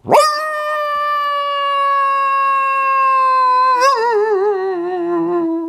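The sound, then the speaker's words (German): A person imitates a coyote with one long, loud howl, rising sharply, holding a steady mournful tone for several seconds, then wavering and sinking toward the end. “Kannst du auch einen Kojoten nachmachen?”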